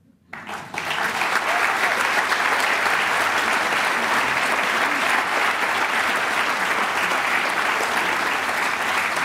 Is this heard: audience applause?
yes